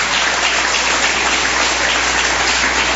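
A church audience applauds to the Lord to welcome a pastor, a dense, loud wash of many hands clapping at once that holds evenly for the full three seconds with no voices heard.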